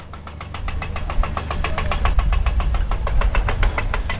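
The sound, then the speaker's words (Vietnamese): A heavy tunnel drilling machine runs steadily inside Hoang Lien mountain in Binh Lu commune, Lai Chau province, drilling into the rock face. Its deep engine rumble is overlaid with a rapid, even hammering pulse, and there are no voices. “tiếng máy khoan đang vang lên từng ngày”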